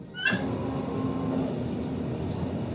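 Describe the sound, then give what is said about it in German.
A sudden metallic jolt with a brief squeal as a train in Germany starts moving again, followed by the steady rumble of the train rolling along rails, humming continuously with no voices. “Und der Komfort ist ja auch nicht gerade auf ICE-Niveau. Obwohl wir teilweise ziemlich schnell fahren. Oh. Es geht weiter.”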